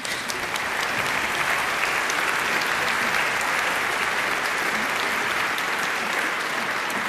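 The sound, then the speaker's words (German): Steady, dense applause from a crowd welcoming a double bassist as he is introduced, many hands clapping at an even level for several seconds without any talking. “Applaus.”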